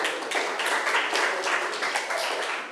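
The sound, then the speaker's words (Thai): A class of students applauding a classmate together, a dense, steady patter of many hands clapping at once for a few seconds, even in loudness, with no talking over it. “เก่งมากค่ะปรบมือให้เพื่อนหน่อย”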